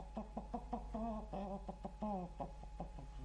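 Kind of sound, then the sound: bird, rooster clucking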